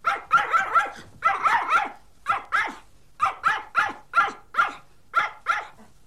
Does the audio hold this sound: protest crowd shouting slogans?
no